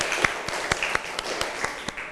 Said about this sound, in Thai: ฟังตัวแทนจากกลุ่มที่4นะคะปรบมือดังๆให้เพื่อนอีกหนึ่งครั้ง